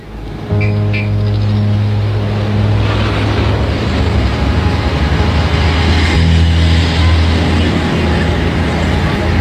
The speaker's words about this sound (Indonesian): Loh, mengapa banyak sekali truk berisi kayu besar keluar dari desa Nambolon ini? Apa sedang ada pematangan lahan ya? Sejak tadi, rasanya ada 10 truk yang sudah lewat.